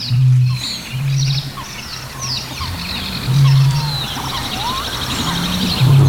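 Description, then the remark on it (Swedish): A busy chorus of mixed bird species calling over one another at Tåken in Östergötland, picked up by a microphone at the boat jetty: thin high chirps, whistles and trills overlapping continuously, with deep droning low notes swelling in and out beneath them. “Ja, det är ju en liten kakafoni av olika arter.”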